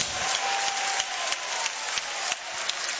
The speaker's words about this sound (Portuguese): Pode aplaudir a ele e dar glória a Deus.